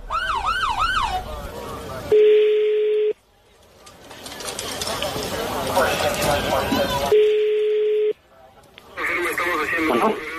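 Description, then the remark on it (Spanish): A police patrol car siren wails up and down, cut off by a steady electronic tone and a stretch of noisy radio-like chatter, then briefly returns near the end. “Sí, no, pero que escuche la patrulla.”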